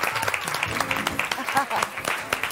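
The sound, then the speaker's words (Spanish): An audience applauds a singer after a performance, many hands clapping steadily in a dense, bright patter at a fairly loud level, with voices calling out over the clapping. “¡Fuerte aplauso”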